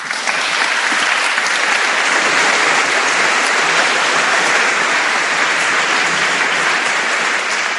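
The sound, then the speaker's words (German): Sustained applause from a crowd, a dense, steady wash of clapping hands that stays loud and even for about eight seconds with no voices standing out. “Nochmal ein Applaus für dich.”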